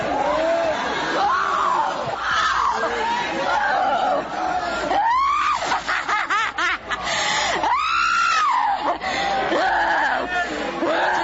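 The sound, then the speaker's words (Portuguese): An audience screams and shouts to Jesus during a deliverance prayer at a church campaign, casting out evil, a loud, continuous roar of many overlapping voices with high, rising-and-falling cries breaking out above the crowd. “Vai gritando pra Jesus queima ele.”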